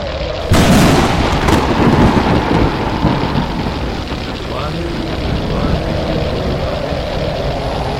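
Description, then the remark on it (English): A sudden loud crack of thunder breaks in, then rolls into a long, heavy rumble over the constant hiss of a storm, staying loud throughout. “The powers of the storm shall not come near those filled with the light of God.”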